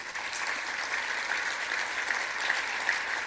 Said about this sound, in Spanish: Si lo crees, dale un aplauso a Jesús.